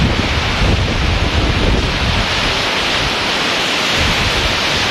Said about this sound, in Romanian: Pe plaja modern din Constanța, valurile mării și vântul care a suflat cu putere au creat condiții ideale pentru competiție.